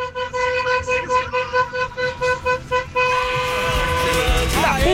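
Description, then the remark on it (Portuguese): A car horn honks in a fast string of short, rhythmic toots, then holds a long, loud blast that wavers toward the end, with faint background noise underneath. It is honked for a horn-honking segment on Band FM radio. “Vai, solta aí, solta a buzina.”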